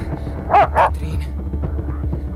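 A dog named Skuller gives two quick, loud barks in close succession, standing out clearly against a steady low rumble of background noise.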